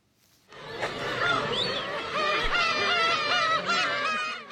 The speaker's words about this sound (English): And before we go, black-tailed gull chicks are hatching on an island in northern Japan. The seabird is known in Japan as umineko, or sea cat, because its chirp sounds like a cat's meow.